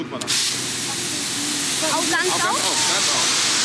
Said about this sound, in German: Sie dreht das Rad am schwarzen Hohlstrahlrohr. Der Wasserstrahl weitet sich. Feine Wassertropfen wirbeln durch die Luft. Ein Sprühstrahl.